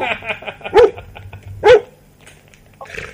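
Two sharp, loud dog barks about a second apart, with a murmur of background voices and a faint yip near the end.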